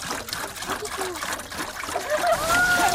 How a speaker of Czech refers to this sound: A teďka by nám to celé zhořelo na popel, což my nechceme, protože si chceme vyrobit ten biouhel, takže to potřebujeme zalít. Tak, doplníme vodu do konve.